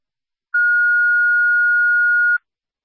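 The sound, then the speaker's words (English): A single steady electronic tone sounds loudly for nearly two seconds, a dispatch radio paging tone, starting and stopping abruptly with silence on either side and no voices. “Special Lima, you can disregard the tones.”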